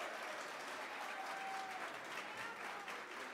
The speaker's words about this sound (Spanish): Despidamos con un fuerte, fuerte y caluroso aplauso al grupo ….